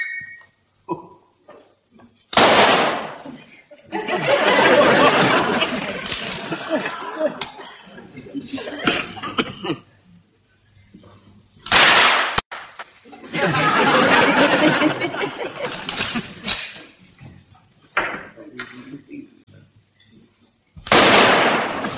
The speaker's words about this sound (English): Now, gather round, chaps. I'm going to fire a few rounds so that you'll get the idea.